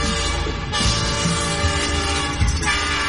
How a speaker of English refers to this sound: Hop aboard the train for a fun-filled tour around the farm.